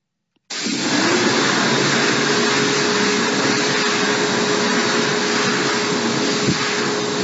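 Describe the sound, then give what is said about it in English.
A hand dryer switches on abruptly and blows with a loud, steady roar of rushing air and a faint low hum underneath, running continuously without voices. “Got the hand dry again there, please, Jimmy.”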